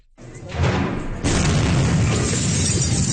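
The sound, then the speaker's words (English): A massive explosion of stored fireworks and pyrotechnics at a military barracks in Viacha near La Paz, Bolivia, erupts with a deep booming roar, swells into a second louder blast about a second later, then keeps rumbling and crackling loudly without letting up. “At least two people are dead and 14 others missing after a massive explosion at a military base in Bolivia.”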